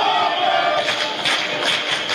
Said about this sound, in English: Boy, this crowd is energetic tonight.